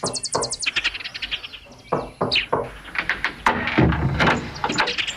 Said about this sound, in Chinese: 天刚亮，胖子就气喘吁吁地跑来敲门。